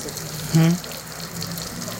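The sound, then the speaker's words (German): Salty water pours and splashes in a steady rushing wash for about two seconds, briefly interrupted early on by a short, louder voiced sound. “Ich muss das Wasser hierher kommen. Das Wasser ist ja salzig.”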